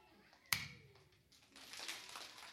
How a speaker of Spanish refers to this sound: El aplauso consiste en un golpe de una palma contra la otra palma, pero de la misma persona. Primero lo haré yo y luego ustedes lo repetirán.